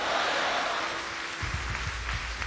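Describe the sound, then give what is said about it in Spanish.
A crowd applauding for the Lord, a dense wash of many hands clapping at an even loudness throughout, with a low rumble joining in partway through. “Dale un aplauso, por favor, al Señor.”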